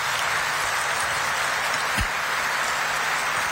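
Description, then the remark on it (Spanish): Steady, dense applause from the audience at a Mass in Paraguay, welcoming a group of pilgrims from Panama. It is a continuous wash of clapping at even loudness throughout, with no voices standing out. “Para ellos un fuerte aplauso, por favor.”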